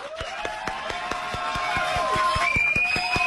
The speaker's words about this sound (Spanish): Por todos estos méritos, queremos recibir con un gran aplauso a nuestro magnífico invitado